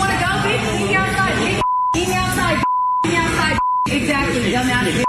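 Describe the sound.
Loud speech from a customer in a restaurant confronting a cashier is repeatedly cut by steady, pure-tone censor bleeps, three short beeps dropping in between stretches of heated talking over about five seconds.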